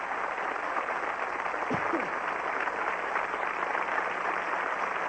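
Sustained applause from a large audience for an orchestra of Mexican musicians, a dense, steady wash of many hands clapping at constant loudness throughout, with a brief faint vocal whoop partway through.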